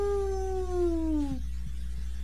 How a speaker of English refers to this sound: Sure as anything, and maybe still sure from a long distance away, there came once more that long, lonely wail of a ghost dog. If it was a ghost, and if it was a dog.